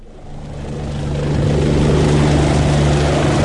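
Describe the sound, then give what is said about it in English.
An Otago rescue helicopter hovers above the deck of a ship, its steady rotor thrum and engine whine swelling louder over the first second or so, then holding a constant, heavy drone. No voices. “I'd seen them before landing at the hospital, and never thought I'd be seeing them hovering above the deck of a ship”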